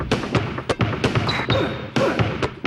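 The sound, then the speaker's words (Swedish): Basketballs bounce in a steady, punchy rhythm that forms a beat, with short high-pitched squeaks of rubber sneaker soles sliding across the court woven between the thumps, from a classic shoe commercial. “Gjord på slirande gummisulor och basketbollar som gör beatet.”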